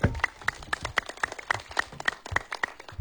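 A short burst of applause from a small group, quick overlapping claps with sharp bright snaps, steady and moderately loud for about three seconds with no talking.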